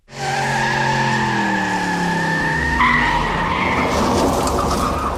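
A car engine revs loudly while tires screech in a long, sustained skid, the squeal sliding in pitch before dissolving into rough engine roar and gritty noise, without voices.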